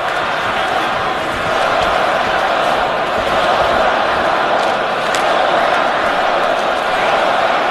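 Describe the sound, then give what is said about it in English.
A large hockey arena crowd cheering on the Montreal Canadiens as they build up an attack against the Nashville Predators, tied 2–2 in the third period, keeps up a loud, steady roar for several seconds, a dense wash of many voices with no single speaker standing out. “Fans cheer on the Canadians as they build up.”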